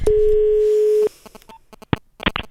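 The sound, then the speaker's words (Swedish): A steady telephone tone drones for about a second, then stops, followed by a scatter of soft clicks and a couple of sharp, bright knocks, as if a call is being connected. “Jag ringer.”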